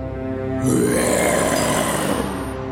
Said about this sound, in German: Mit dem Brüllen des Löwen wurde die kleine Maus weit weg von ihm bewegt.